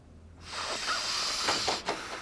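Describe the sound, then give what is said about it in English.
A steady hissing rush starts abruptly and continues, with breathy sniffing inhalations rising and falling through it as a person sniffs chemicals found around the house, and a brief dip near the end. “I'd get so hard up, I'd sniff chemicals I found around the house.”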